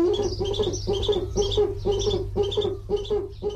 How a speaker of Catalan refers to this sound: Duc, bubo, bubo. Mussol que trobem en hàbitats forestals i rupícoles durant tot l'any.